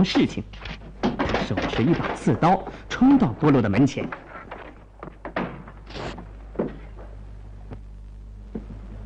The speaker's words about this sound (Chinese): 波洛一动不动，沉着镇静地轻轻敲着门。隔壁的雷斯上校听到叩门声，预感到发生了什么事情，手持一把刺刀冲到波洛的门前。